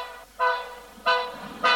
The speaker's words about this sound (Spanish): Comenzó en esto a pitar el tren.